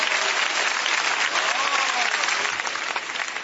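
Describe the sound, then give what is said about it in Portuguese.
An audience claps hands for Jesus in a steady, dense burst of applause that holds at an even loudness throughout, with faint voices mixed into the clapping. “Pode bater as palmas para Jesus, meus irmãos.”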